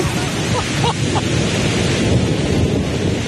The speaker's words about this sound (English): So we just parked, and it is starting to thunder and rain.